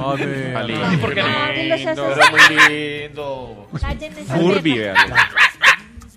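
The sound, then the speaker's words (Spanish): A small dog barks in quick, high-pitched yips, two short bursts of several barks each, with people talking underneath. “Teman, perro guardián.”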